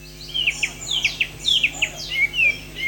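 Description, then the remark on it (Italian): Nearly 300 caged songbirds exhibited in the centre of Sacile for a traditional singing contest chirp and trill busily at once at first light of dawn, bright overlapping calls in quick bursts over a steady low hum of background noise. “Hanno iniziato a cinguettare le prime luci dell'alba i quasi 300 esemplari di uccelli esposti nel centro di Sacile per il tradizionale concorso canoro, l'appuntamento più seguito dagli appassionati dell'ornitologia.”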